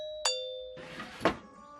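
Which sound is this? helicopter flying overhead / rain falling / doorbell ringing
doorbell ringing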